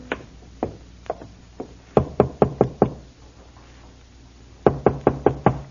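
Knocking on the wooden door of a lonely farmhouse, from its porch: a few slow, spaced raps, then a quick burst of five loud knocks, a pause, and another rapid series of five. Sharp, no voices.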